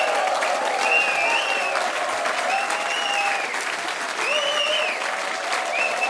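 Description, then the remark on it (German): Sustained audience applause at the 50th-anniversary celebration of the Badentreffen open-air festival, broadcast on Bayern 2: a dense, steady wash of clapping at even loudness throughout, with some cheering or whistling tones rising above it and no speech. “Wow, was für ein toller Applaus und herzlich willkommen auch an die Zuhörerinnen und Zuhörer auf Bayern 2.”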